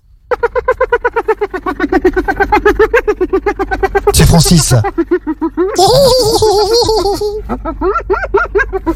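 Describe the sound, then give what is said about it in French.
A hyena cackles in a long run of rapid, high-pitched giggling yelps, then comes a harsh noisy burst and a shrill rising whine. A voice briefly speaks at the very end. “C'était la hyène.”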